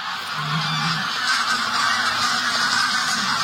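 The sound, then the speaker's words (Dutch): A large flock of geese honking as they fly in the sky, stirred up by a sea eagle flying above, a dense, continuous chorus of overlapping calls that stays fairly loud and steady throughout, with no one speaking. “Er vliegen een hoop ganzen in de lucht omdat daar boven ons de zeearend vliegt.”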